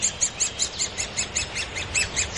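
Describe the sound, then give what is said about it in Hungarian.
A great spotted woodpecker, a fairly small-bodied bird, calls in a quick, steady series of sharp, high chirps, about a dozen notes in a couple of seconds, clear with no talking, in a floodplain forest at Budakalász. “Ez egy tarka harkály, valószínűleg nagy tarka harkály. Vegyük fel a hangját.”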